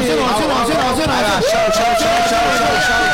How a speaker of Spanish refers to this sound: El aplauso para los chicos del CEN, señoras y señores. ¡Vamos! ¡Vamos! ¡Aplauso!